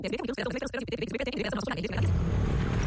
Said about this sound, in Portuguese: Amor, ouviu essa moto? Deve ser um entregador. Mas a gente não pediu nada. E daí? E daí que pode não ser um entregador.